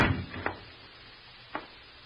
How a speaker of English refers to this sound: Keep quiet, you idiot. Keep quiet. Shut the door.